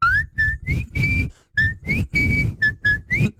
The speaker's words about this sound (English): always starts the show with a whistle, so...